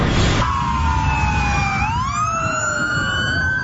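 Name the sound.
police sirens wailing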